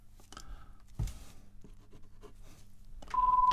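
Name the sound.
telephone ringing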